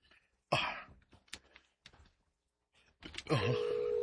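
A cellphone starts ringing near the end with a steady electronic tone, clear, after a few short rustling and breathy noises.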